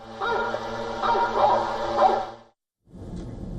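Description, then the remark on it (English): A recording of a pack of hunting dogs, as used by authorities with drones to drive away bears, barks and yelps in a dense, overlapping chorus over a steady low hum, then breaks off briefly before a rougher burst of noise. “The authorities are also using drones to drive away bears using fireworks, sound of hunting dogs.”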